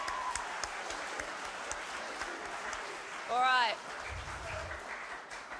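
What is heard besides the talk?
round of applause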